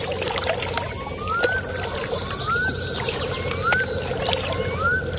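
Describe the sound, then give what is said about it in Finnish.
Water being poured into a glass, a steady splashing stream with a resonant tone that keeps sliding upward in pitch as the glass fills, with no voices. “Nyt on pakko ottaa vettä.”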